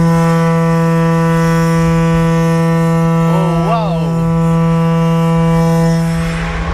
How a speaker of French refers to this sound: Alors ici, on vient d'entendre une corne de brume de 6,50 m de long, de 1,20 m de diamètre à l'embouchure. Et donc, c'est une corne de brume comme celle qui était utilisée jadis sur les bateaux,